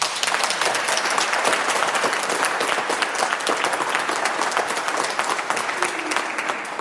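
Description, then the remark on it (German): Sustained applause from an audience at an evening event about elderly care at the Seniorenzentrum am Rüschebach in Unna, Germany, dense overlapping claps forming a steady, fairly loud wash of sound with no talking over it. “Ja, das sind doch schon mal gute Hände, die man da hört.”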